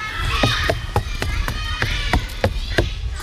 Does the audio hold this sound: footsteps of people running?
yes